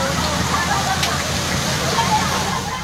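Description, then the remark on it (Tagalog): Muddy floodwater rushes along a road in Barangay San Isidro, Puerto Galera, Oriental Mindoro, in a loud, steady roar of churning water that holds constant without letup from start to finish. “Lumagasarin ang kulay putik na baha sa kalsada sa Barangay San Isidro sa Puerto Galera, Oriental Mindoro, kung saan matatagpuan ang sikat na White Beach.”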